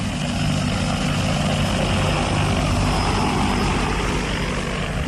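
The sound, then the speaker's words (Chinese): A steady, loud agricultural crop-spraying drone, used for spraying pesticide and fertilizer, buzzes continuously, its rotors producing a dense whirring hum with a faint high whine on top, holding level throughout with no voices. “那里我们呢喷洒农药啊、打肥料啊就用无人机。”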